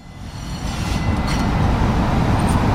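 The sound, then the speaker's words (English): A subway train on the T, Boston's subway network and America's oldest subway, rumbles along the rails in a loud, steady low roar, with a faint hiss and brief metallic glints above it and no voices. “Stefano took me out to see his real-life favourite trains. On the T, yes. The Greater Boston Train Network.”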